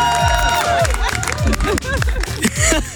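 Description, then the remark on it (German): A lively party crowd at a barbecue claps and cheers loudly for the grill master, with whoops and excited voices layered over steady applause for a few seconds. “Da dürfen wir einmal hier großen Applaus.”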